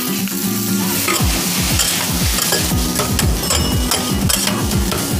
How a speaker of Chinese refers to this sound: 其实翠少炒饭你说简单它也很简单，但是其实有几个关键步骤，就是第一个，这个脆哨我们提前给它下锅，用猪油慢慢再给它煸一煸，让它更加脆。